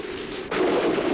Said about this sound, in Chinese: 哟，打雷了！